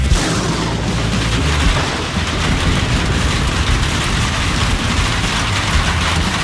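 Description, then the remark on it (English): Heavy rain pours down in a dense, steady roar with a deep low rumble underneath, loud throughout with no let-up and no voices. “Heavy rains are here, and that can spell trouble for your septic system.”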